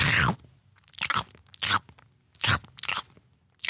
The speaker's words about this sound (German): Dauert ja eine Weile, bis man so eine Möhre geschnurpst hat. Und es ist so laut. So, so laut.